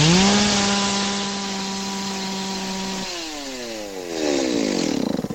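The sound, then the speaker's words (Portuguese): A jet ski engine revs loudly and steadily with a buzzy, chainsaw-like whine at a marina in Balneário Camboriú, then drops in pitch and climbs again in a rising rev toward the end, with no talking. “Quem não entende do jet ski vai falar que é uma motosserra.”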